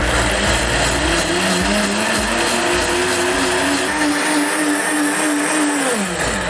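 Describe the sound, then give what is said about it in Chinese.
A blender whirs loudly and steadily as it grinds 100 grams of soaked, peeled peanuts, 20 grams of rice and 1 litre of water for peanut soup, its motor pitch sliding up and down with a coarse churning roar throughout. No one speaks. “好，然后我们现在就把它打碎。”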